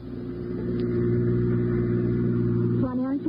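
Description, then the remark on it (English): A car speeds along a single-lane dirt road past a cemetery in the evening, its engine roaring loud and steady for a few seconds before a voice briefly cuts in at the end. “Going too fast. Not for this road.”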